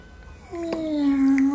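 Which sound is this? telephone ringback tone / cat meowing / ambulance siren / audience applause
cat meowing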